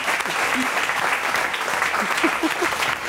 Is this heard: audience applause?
yes